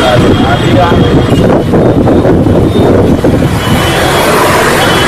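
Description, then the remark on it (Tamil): Strong gale winds of a dust storm with thunder and lightning in Kanpur, India, roar continuously and loudly, battering the microphone with a dense, rumbling rush, while indistinct voices are faintly buried beneath the gusts. “இடி மின்னலுடன் வீசிய சூறைக்காற்றால் வீடுகளின் மேற்கூரைகள் தூக்கி வீசப்பட்டன”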